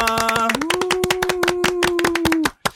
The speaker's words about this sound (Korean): 네, 저희 박수로 한번 시작해 볼까요? 네. 하나, 둘, 셋. 반갑습니다.